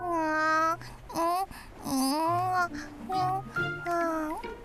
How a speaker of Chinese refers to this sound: 那声音是从哪里传来的呢？是一楼传来了小宝宝的哭声。